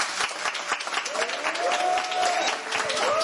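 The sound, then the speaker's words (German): A full studio audience at a live Radio 1 broadcast in Studio 1 at Bikini Berlin applauds steadily for a few seconds, dense overlapping claps forming a bright, continuous wash with a few faint whoops or cheers rising above it. “Die Ränge sind voll, man kann es hören.”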